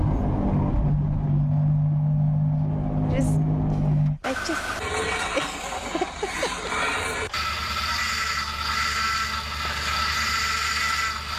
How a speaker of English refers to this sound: There's a bit of montage of all these rubbish cars that we've ever owned, probably one of our very first cars that we've ever owned, a cheap car, problem car. You're probably familiar with that and pretty triggered by some of those noises.